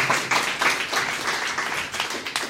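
A crowd applauds steadily to thank the light and sound technicians, many hands clapping at once in a dense, continuous wash of sound that stays fairly loud throughout the short stretch.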